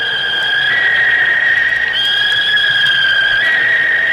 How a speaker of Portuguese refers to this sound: Essa sonora vaia que você ouviu aí é pro Sport, né? Sport 0, CRB 1,